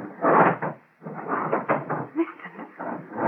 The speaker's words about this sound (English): You hear what he's doing? Barricading the door.